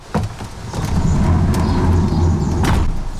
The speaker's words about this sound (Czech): právě otevřela dveře do velikého mrazáku a zavanul na nás opravdu chladný vzduch.